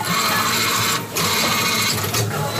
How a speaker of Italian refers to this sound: Ma io uso l'app di Coripet sul telefono e il compattatore si attiva. Poi inserisco le bottiglie vuote in questo modo qua.